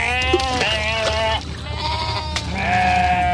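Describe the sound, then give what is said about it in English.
Several sheep bleat in overlapping, wavering cries, one after another, loud, like a crowded flock calling with no pauses between them. “But the articles describe how a livestock ship was tossing sheep overboard as they perished, crossing the Red Sea.”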